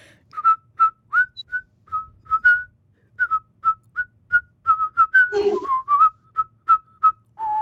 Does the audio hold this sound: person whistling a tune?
yes